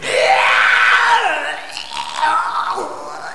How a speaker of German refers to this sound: Und ich kotze jetzt erstmal ins Tripperhaus. Das könnt ihr ruhig alle hören.